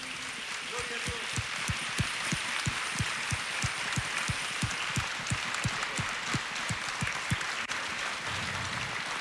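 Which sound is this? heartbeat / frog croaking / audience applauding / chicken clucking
audience applauding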